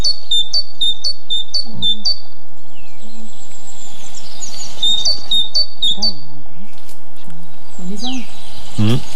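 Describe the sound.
Bright, repeated high tit song notes ring out in quick rhythmic phrases near the start, followed by scattered chirps over a quiet outdoor background in the Cévennes National Park during bird monitoring, with a voice faintly murmuring underneath.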